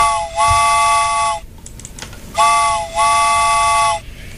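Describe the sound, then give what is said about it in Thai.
A steam train whistle sound effect sounds in two pairs of long, loud, harmonically rich blasts, each tone briefly dipping in pitch, with short gaps between them and no talking. “เอาล่ะพร้อมหรือยังถ้าพร้อมแล้วนะคะรถไฟมาเลยค่ะ”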